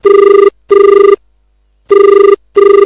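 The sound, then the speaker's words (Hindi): A telephone rings for an incoming call to the Kisan Vani phone-in programme on Akashvani Sagar radio, with a classic double-burst pattern, two short trills, a pause, then two more, loud with no one talking. “बिल्कुल सही जगह फोन लगो, आपको स्वागत कर रहे हैं और आपको परिचय चाहते हैं।”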